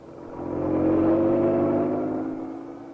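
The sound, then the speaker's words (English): A police car's engine roars steadily as it leaves Scotland Yard, careening out of the gates, swelling to a loud peak around the middle and then fading slightly as it speeds away out of London toward Essex, with a continuous low rumble and whirring tone and no voices. “Inspector Manson and Sergeant Wright left Scotland Yard, careening out of the gates on two wheels, and roared out of London and into Essex.”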